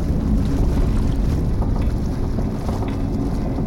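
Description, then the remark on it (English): A ship going down in rough seas: a loud, continuous roar of churning water and buffeting wind, with a deep low rumble that never lets up and no voices. “There it goes. Sinking. So fast. The ship is sunk.”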